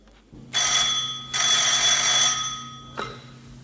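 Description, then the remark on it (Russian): A telephone bell rings loudly in two long, shrill bursts back to back, then falls silent except for a brief click as the receiver is lifted. “Опять о трех телефонах и радио.”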